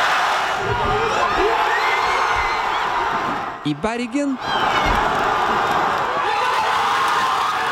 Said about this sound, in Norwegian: Og mens disse glade norske tilskuerne har heia på Norge i New Jersey, så har det vært jubla over hele landet her hjemme også. Enorm jubel i Trondheim.